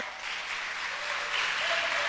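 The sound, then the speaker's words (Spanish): A crowd claps steadily throughout, a dense, continuous wash of many hands with no voices rising above it, swelling slightly louder toward the end. “Si va a aplaudir, hágalo con ganas.”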